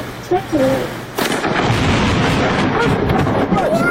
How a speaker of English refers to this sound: So lightning, proving his point.